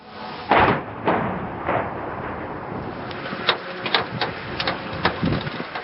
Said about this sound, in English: Sound of missiles and drones striking Kyiv overnight.